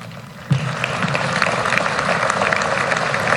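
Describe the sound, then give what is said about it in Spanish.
An audience claps hesitantly after a line in a speech by Javier Milei about the farming sector, starting abruptly after a brief quiet moment and continuing as a steady, moderately loud wash of applause to the end, with no one speaking. “Dudaron a aplaudir ahí un poquito, ¿no?”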